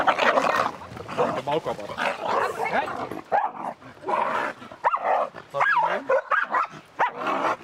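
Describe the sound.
Several dogs bark and yelp in a steady, overlapping clamor, loud, with brief whining cries breaking through and faint voices underneath, at an animal shelter.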